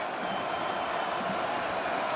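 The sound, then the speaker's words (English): A stadium crowd of about 17,000, all on their feet, cheering at a finals match between the Sharks and the Cowboys, in a steady, dense roar that holds at an even loudness for the whole two seconds, a wash of many voices with no clear speech. “17,000 strong crowd here tonight, all on their feet.”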